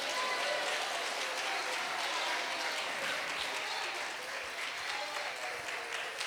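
An audience applauds for Christ, a dense wash of many hands clapping steadily at an even level for several seconds with no break.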